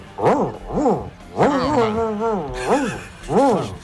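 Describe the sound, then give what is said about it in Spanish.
A radio listener voices an angry dog, with sharp bark-like yelps, a longer snarling, wavering growl in the middle, then more short barks. Loud, with no other sounds. “Perro cabreado.”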